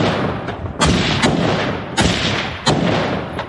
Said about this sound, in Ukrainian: На цих кадрах українські бійці розстрілюють ждуна. Ворожий дрон на узбіччі не дочекався своєї жертви.